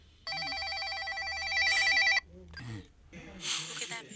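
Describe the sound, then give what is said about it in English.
A telephone rings with a loud, warbling electronic tone lasting about two seconds as a call is placed to a woman's home, then cuts off as muffled voices and handling noise follow. “Yo, this chick better be home, man. She better pick up the phone.”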